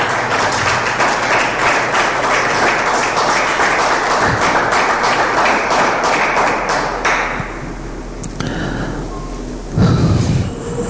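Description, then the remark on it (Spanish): A burst of audience applause, many hands clapping densely and loudly for several seconds before thinning out, followed by a low rumble and a brief thud near the end. “Se merece un aplauso ese Dios.”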